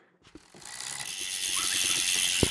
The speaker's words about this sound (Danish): Hjulene, de snor rundt hernede, og noget andet, der også snor rundt i høj hastighed, det er værktøjet.